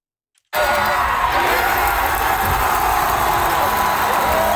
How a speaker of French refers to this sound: On entend la foule hier au match des Titans d'Ottawa qui sont devenus champions de la Ligue Frontière pour la première fois de leur histoire. Ils ont remporté le trophée hier devant leurs partisans, une victoire de 4-0 contre les Otters d'Evansville